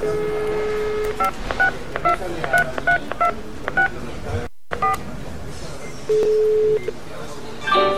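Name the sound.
telephone keypad dialing tones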